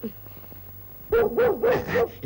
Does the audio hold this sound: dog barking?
yes